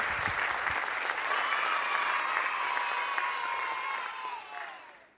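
Steady applause from an audience, a dense wash of many hands clapping that holds strong for about four seconds, then thins and fades out at the end, with no one speaking over it.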